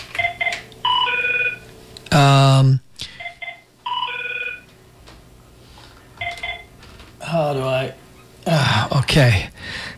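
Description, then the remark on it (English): A telephone rings in short electronic bursts of beeping tones that repeat several times, broken up by loud, brief harmonic sounds like shouting or vocal noises. “Okay, let's do something here about the phone.”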